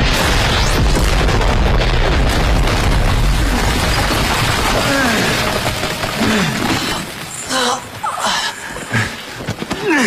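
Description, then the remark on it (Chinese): Several loud bounding mines explode underfoot, booming and roaring through a dense wall of rumbling noise, followed by sharper bursts near the end, with voices shouting in the chaos. “随着几声巨响，雷振宇脚下的跳雷爆炸。”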